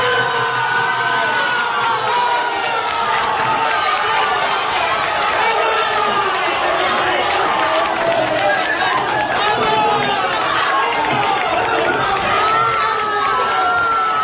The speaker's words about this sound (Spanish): El conjunto aguileño ha entrado en la tercera categoría nacional tras vencer en la ronda de penaltis a la Unión Deportiva Poblense. Así lo celebraban este domingo en una cafetería de Águilas los aficionados. Escuchen.